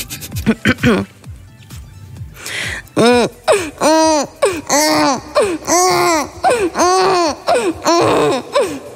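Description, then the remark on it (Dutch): A woman's voice imitates a baby with half an M&M in her mouth: a burst of quick babbling, then a steady run of about eight whiny, rising-and-falling cries, fairly loud. “Maar ze kan heel goed een baby nadoen.”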